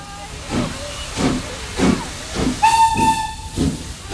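A steam train chugs along in steady, rhythmic hissing puffs, and partway through a loud, sustained steam whistle sounds over the chugging. No one speaks.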